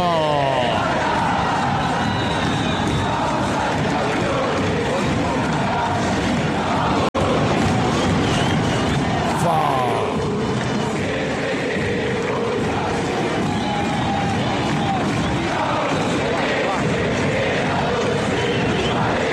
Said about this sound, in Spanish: Extrañábamos estos gritos del fútbol argentino, ¿no? En estas semanas tan cautivantes y especiales de la Copa del Mundo. Esta sonoridad, este gritorío de cada una de nuestras hinchadas, de nuestras esforzadas, laboriosas y apasionadas hinchadas